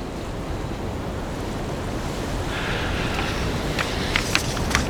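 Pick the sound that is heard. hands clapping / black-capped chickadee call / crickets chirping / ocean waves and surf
ocean waves and surf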